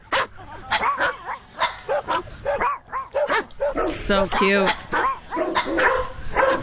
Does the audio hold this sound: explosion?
no